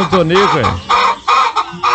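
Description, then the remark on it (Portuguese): Chickens on a farm clucking at about 5:10 in the morning in a busy, overlapping flurry of short squawks and rising-falling calls, several bursts in quick succession with brief gaps. “Ó, as galinhas já sonharam.”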